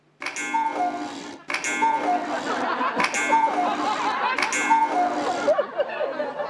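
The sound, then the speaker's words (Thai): A cuckoo clock on the second floor of a house chimes four times at an even pace, each strike ringing out and overlapping the next, with a soft two-note call woven into the bright metallic tones. “นาฬิกากุ๊กกู้ดังขึ้นได้ยังไงอ่ะ”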